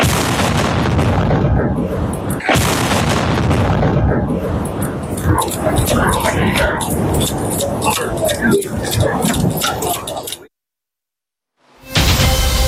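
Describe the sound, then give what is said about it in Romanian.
A naval drone loaded with half a tonne of explosives explodes in the morning in the port of Constanța, Romania: a powerful roar with loud booms and crackling bursts over a heavy rumble and voices, then sudden silence before the noise returns. “Drona care a explodat în această dimineață în portul Constanța era încărcată cu jumătate de tonă de explozibil.”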